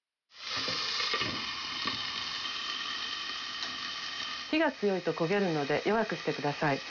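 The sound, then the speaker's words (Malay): Carrot sticks, coated evenly in oil, sizzle steadily as they are sautéed in a pan until slightly translucent, a constant crackling hiss that starts abruptly and continues throughout, with a person talking over the frying in the last few seconds. “Pastikan batangan wortel terlapisi minyak secara merata dan tumis sampai warnanya berubah menjadi agak transparan.”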